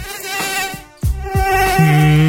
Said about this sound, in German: Ja, die Mücken haben gerade Hochsaison in den Schlafzimmern in München und der Region.